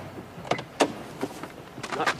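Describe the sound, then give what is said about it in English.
A car door opens and shuts as a man gets out of the car, with a handful of short clunks and rattling bumps spread over a couple of seconds, fairly quiet and with no talking. “He gets out of the car.”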